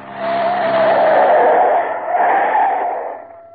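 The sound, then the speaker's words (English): A car's tires squeal loudly in a sustained skid for about three seconds, rising and sweeping as it does a full turn in the car's length, with engine noise underneath. “You watch, I'll do a full turn in the car's length. Back she goes.”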